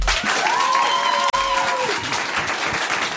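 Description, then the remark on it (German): A live audience at a show hosted by Felix Lobrecht applauds in a dense, steady wash of clapping, with a whistle-like tone rising and sliding down briefly over the first two seconds before the applause continues alone. “Wir haben ein geiles Live-Publikum, was so geil klatschen kann.”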